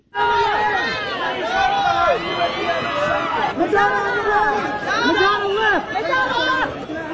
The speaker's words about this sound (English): People screaming, "I love that outfit," as the celebs posed on the red carpet.